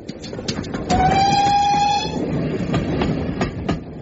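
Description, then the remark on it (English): A train engine puffing into a station chugs along with steady, rhythmic puffs, and a long, high whistle sounds for about a second before the chuffing rolls on alone. “Mavis, the new engine, came puffing up to the other engines in the station.”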